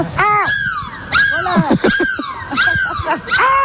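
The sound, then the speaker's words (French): A person loudly imitates a seagull as a goodbye, live on an Énergie radio morning show broadcast from a bus in Lille, letting out a run of about five shrill, wavering cries in quick succession, each rising and falling in pitch, with no talking in between. “On se dit au revoir en cri de la mouette.”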